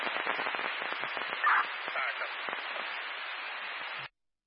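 Fireworks crackle and pop in a dense, rapid barrage of sharp bursts, loud, running steadily for about four seconds before cutting off abruptly.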